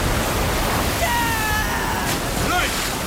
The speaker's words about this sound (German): Ich kann mich ja jetzt kaum noch festhalten, so sehr schwankt das Boot. Gib mir verdammt noch mal mehr Mühe. Sieh da! Die Welle! Festhalten!